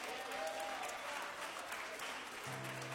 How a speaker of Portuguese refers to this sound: Pode passar lá, meus queridos, vamos louvar a Deus mais uma vez com a nossa irmã que aqui está, e vamos recebê-la com um aplauso bem forte para Jesus.